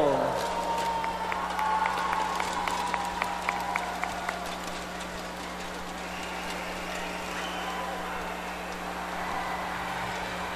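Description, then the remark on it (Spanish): An audience applauds the aspirants to Niña Independencia DIF Tabasco 2026 as they appear with a Mexican medley, with dense, steady clapping and scattered sharper claps. The applause then thins into a murmuring crowd noise, with a constant low electrical hum underneath throughout. “Vamos a brindarle un fuerte aplauso.”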